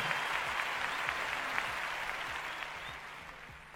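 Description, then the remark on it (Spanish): Steady audience applause for the Filarmónica de Mendoza, a dense wash of many hands clapping at a fairly loud, even level that slowly tapers off toward the end, with no voices over it. “¡Fuerte el aplauso!”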